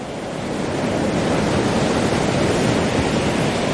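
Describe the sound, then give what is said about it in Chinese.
Ocean waves wash onto a shore where killer whales train their young to hunt, in a steady, full-bodied roar of surf that swells slightly after the opening second and holds loud, with no voices. “虎鲸学徒需要感受海浪的力量，靠海浪推动自己靠近目标，再跟随海水后退，选择合适的时机咬住目标，然后利用下一波海浪转身返回大海。”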